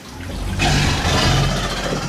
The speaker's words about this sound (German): Und unsere Alligatoren, ich habe schon gesagt, können eben auch brüllen. Hören wir uns die einmal an.